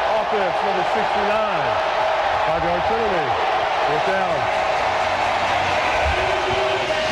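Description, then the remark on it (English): A dense, loud roar of a home crowd at a Sunday night Detroit Lions American football game fills the whole stretch without letup, with rising and falling shouts and whoops poking out of the steady wall of noise. “I don't know if you can hear me over this crowd.”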